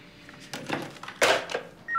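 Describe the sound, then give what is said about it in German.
A telephone at the Wolfertshausen police station rings with a few short, bright electronic bursts that grow louder, ending in a steady two-tone chirp. It sounds clear, with no voices. “Wo waren wir stehen geblieben? Beim Telefon.”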